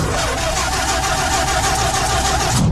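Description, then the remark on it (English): The Money Mobile's engine cranks without catching in a garage, a loud, steady grinding whir with a faint whine, like a starter on a dead battery; the battery has run down. Then it cuts off abruptly. No one speaks. “There seems to be some sort of problem with the Money Mobile.”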